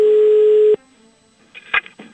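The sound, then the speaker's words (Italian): A loud, steady dial tone hums for under a second and cuts off, followed after a short pause by a few quick telephone keypad beeps as a caller dials back 15 minutes after hanging up. “dopo aver chiuso la telefonata, ha aspettato 15 minuti, dopodiché ha richiamato.”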